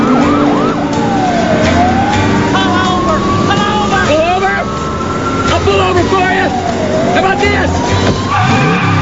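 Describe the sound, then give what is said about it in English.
The sirens of two police cars in a chase wail loudly and continuously, rising and falling over heavy engine roar, with sharp squealing tire skids cutting through near the middle and end of the chase. “He slams his foot on the brake. The two police cars speed on, crisscrossing each other, landing in the rough.”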